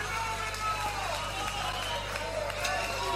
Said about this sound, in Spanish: A los … … en guitarra, fuerte el aplauso. Como si hiciera falta pedir fuertes aplausos.